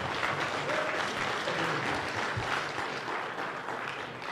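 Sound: audience applauding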